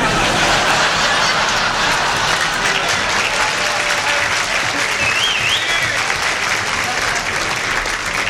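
Sustained audience applause fills the whole stretch, a dense steady clatter of many hands clapping at an even loudness, with a faint whistle rising briefly partway through.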